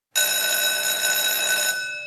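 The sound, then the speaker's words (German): A school break bell rings loudly and steadily for about two seconds, a bright, sustained metallic ringing that starts abruptly and fades only slightly at the end, with no voices. “Beim Klang der Pausenglocke stellten sich alle in ordentlichen Zweierreihen auf und marschierten fast wie Roboter aus dem Raum.”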